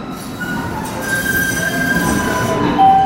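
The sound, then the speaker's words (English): A Boston Green Line light rail train bound for Boston College, at Harvard Ave in Allston, rumbles along, its wheels letting out thin, high-pitched squeals that come and go over a steady low mechanical roar, with no one speaking. “The next big train to Boston College is now aboard. I took the Green Line and got off at Harvard Ave in Allston.”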